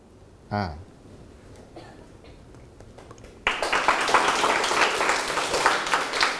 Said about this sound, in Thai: ขอบคุณครับขอบคุณเสียงปรบมือจากต้นทางและปลายทางนะครับ